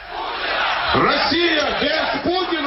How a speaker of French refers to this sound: Une Russie sans Poutine, crient ces manifestants.